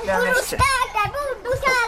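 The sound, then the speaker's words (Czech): Several children's high-pitched voices shout and laugh over one another, bright and lively, with a splashy, echoing background from a swimming pool where the children are bathing. “když se ozývá z bazénu dětský smích, křik a hlasy, je to dobré znamení.”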